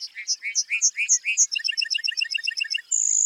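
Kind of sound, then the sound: bird, lark bunting song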